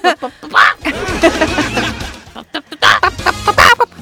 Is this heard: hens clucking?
yes